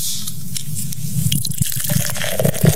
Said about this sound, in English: Yes, dude pops open another can. Apparently there was one unopened beer left in the car.